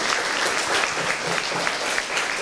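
An audience claps steadily, a dense, crisp patter of many hands at an even, moderately loud level throughout, with no voices over it.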